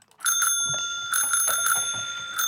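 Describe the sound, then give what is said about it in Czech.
A bicycle bell rings clear in several quick bright dings, the metallic tone sustaining and shimmering between strikes, with no voices. “Takže cinknutí znamená dobře, zatroubení špatně.”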